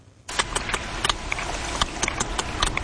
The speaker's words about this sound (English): Sperm whale clicks are one of the most powerful sounds on the planet, louder than a jet engine.